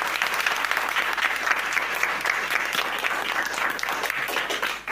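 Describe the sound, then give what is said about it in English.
A crowd claps steadily for several seconds for contestants who answered a quiz question correctly, a dense, sustained round of applause that stays loud throughout before easing slightly at the very end. “Round of applause for them.”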